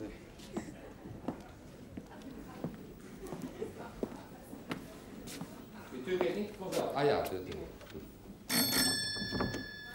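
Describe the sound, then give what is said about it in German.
A door bell rings out near the end, a bright sustained metallic ring lasting a second or two, preceded by shuffling footsteps and soft clattering. “Bitte, klingeln Sie.”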